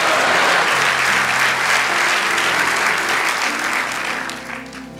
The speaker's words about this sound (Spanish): Aplauso a Rey de Reyes. Y a su nombre.